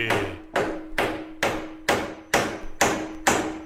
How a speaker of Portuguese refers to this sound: Na Wonder até o martelo é afinado, hein? Viu?